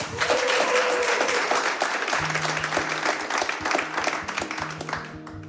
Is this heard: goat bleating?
no